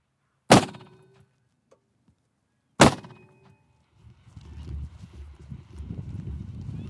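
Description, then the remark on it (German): Two loud, sharp bangs from a gas cannon bird scarer used to drive away ravens, about two seconds apart, each with a short ringing decay, followed by a steady low rumble of background noise. “Mit einem Gasschussapparat will er die Vögel vertreiben.”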